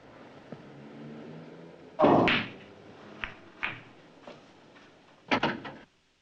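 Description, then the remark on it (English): A man shuts the door of a bar and stands in front of it: the door swings and shuts with a solid thud, followed by a few lighter knocks and a closing cluster of latch clicks, against a low, quiet hum with no talking. “shuts the door and stands in front of it.”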